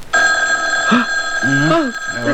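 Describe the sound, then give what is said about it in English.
A telephone bell rings steadily and loudly throughout at about 1 a.m., a sustained bright metallic tone, while a couple of voices speak briefly over it. “It's the phone.”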